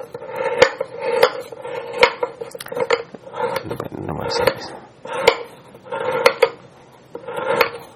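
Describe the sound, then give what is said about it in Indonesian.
A knife slices bananas on a cutting board for blending, each sharp tap landing in an uneven rhythm, with softer scraping and slicing sounds between the strikes. “Ini kan karena mau di blender maka saya iris-iris.”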